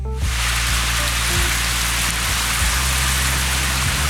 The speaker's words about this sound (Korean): 오늘처럼 비가 오는 날이면 나 어릴 때 생각이 난다. 창문을 톡톡 하고 두드리는 빗소리를 가만히 듣고 있으면 나 어렸던 시절의 하굣길이 생각이 난다.